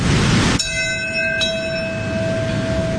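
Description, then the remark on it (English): A memorial bell at Ground Zero in Lower Manhattan is struck on the anniversary of 9/11, its clear ringing tone lingering and slowly fading, with a second strike soon after, over a low steady background rumble. “Today, as has happened every year since the first anniversary of 9/11, one of several bells rang out, this one at Ground Zero in Lower Manhattan, followed by a moment of silence at 8:46.”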